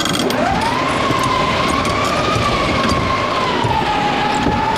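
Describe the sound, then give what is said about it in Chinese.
A howling north wind simulated with simple sound-effect props at an interactive, immersive film sound exhibit: a loud, continuous whistling tone swoops upward, then wavers at a steady pitch over a dense rushing hiss for the whole stretch, with no voices. “有感受到北风呼啸吗？”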